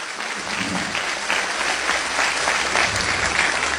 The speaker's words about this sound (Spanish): Aplaude al Señor en esta noche.